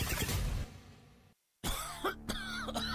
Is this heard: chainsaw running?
no